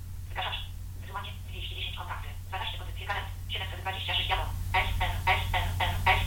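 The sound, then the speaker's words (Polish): A Nokia A71 mobile phone beeps over and over as SMS text messages arrive during a data transfer, a rapid run of short electronic tones over a steady low hum. “Słyszymy, że tych wiadomości SMS przybywa.”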